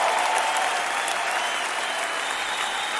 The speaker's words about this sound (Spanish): démosle un aplauso al Señor fuerte.